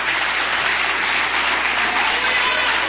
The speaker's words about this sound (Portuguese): Uma salva de palmas para glorificar e exaltar o Cristo Jesus.